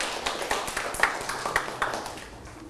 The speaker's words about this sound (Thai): ปรบมือให้ตนเองอีกครั้งครับลูก